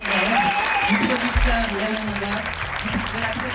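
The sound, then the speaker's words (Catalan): An audience applauds steadily for a few seconds for actress Aina Clotet at the Cannes Film Festival, where she presented her debut feature film Viva. A dense, even wash of many hands clapping without pause, with a voice faintly audible underneath. “Anem d'una història d'èxit amb una altra, i sí, volem felicitar la protagonista que rebia aquests aplaudiments per Aina Clotet, que es va endur ara fa uns dies al Festival de Canes, on va presentar la seva òpera prima, Viva.”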